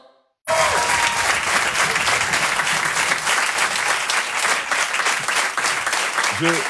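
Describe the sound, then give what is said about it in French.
A crowd at the Rire et Chanson Comedy Club breaks into loud, sustained applause after a brief quiet start, a dense steady clatter of many hands clapping that holds strong to the end. “Je crois qu'ils applaudissent parce que demain matin, je rentre chez moi en Afrique.”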